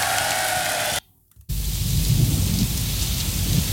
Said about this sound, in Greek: Κάπου ο ήχος της βροχής, κάπου το πιάνο